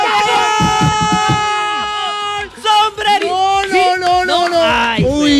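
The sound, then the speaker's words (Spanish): Several people watching a Colombia football match shout excitedly together, loud, their overlapping voices rising and wavering in sustained bursts. “¿Y ustedes por qué gritan primero que yo?”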